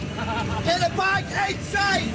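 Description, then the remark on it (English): A crowd of Scotland soccer fans chants and sings together inside a moving bus driving up Interstate 95 toward Gillette Stadium in Foxborough, with rising and falling tones over a steady engine rumble and general crowd hubbub. “The beers flow, the chants are constant, flags wave out the windows as we drive up Interstate 95.”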